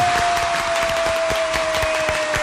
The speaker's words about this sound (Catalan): fa la seva entrada a l'estudi amb l'aplaudiment de tot el públic aquí assistent!